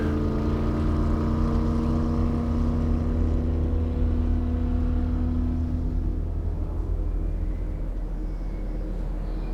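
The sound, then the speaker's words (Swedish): A white motorboat's engine drones steadily, its tone slowly fading and falling in pitch as the boat, with two men aboard, speeds away across a lake. “Motorn startar och de kör snabbt iväg ut på sjön.”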